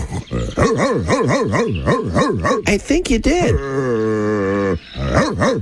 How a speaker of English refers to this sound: A dog.